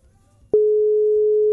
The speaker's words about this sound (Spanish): ¿Está llamando un número privado o raro? No. De tu WhatsApp, o sea, debe estar viendo que suena y llama